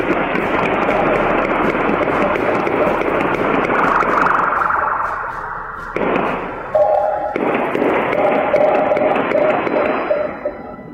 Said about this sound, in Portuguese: homens armados efetuaram vários disparos em um campo no bairro da Tabajara, em Olinda. Assim que receberam a denúncia, os policiais militares iniciaram buscas pelos suspeitos, que reagiram atirando contra o efetivo. É possível ouvir os disparos.